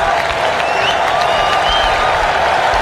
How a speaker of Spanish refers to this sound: Bien, señor, Gualtemade a la cancha. La gente aplaude a Sané.